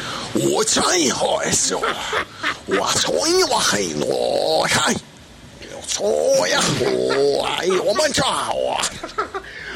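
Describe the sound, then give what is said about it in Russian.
A man imitates a lion's roar, producing two long, loud bouts of growling, throaty vocal roars separated by a short pause. “А вот, кстати, лев ваш любимый, кстати, суперлев, дайте его послушаем сейчас.”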